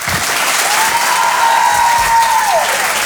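audience applause

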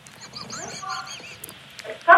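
seagull squawking

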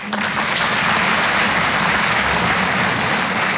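audience applause

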